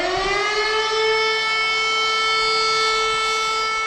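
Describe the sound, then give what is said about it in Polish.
A loud Cell Broadcast emergency warning alarm, sent from a telecom mast to phones and sounding even when a phone is in silent mode, sounds continuously: a steady, rich electronic tone with a faint upward drift in pitch, holding at full volume for several seconds with no voices. “Co ważne, alarm wybrzmi nawet, jeśli w telefonie jest włączony tryb cichy.”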